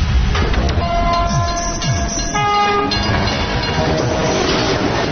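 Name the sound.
train passing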